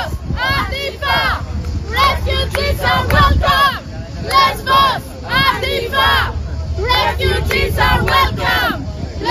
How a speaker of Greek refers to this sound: Πέντε δέκα νοματέοι είναι μαζεμένοι και φωνάζουν. Νεαρές κοπέλες είναι πιο πολλές από ό,τι βλέπω.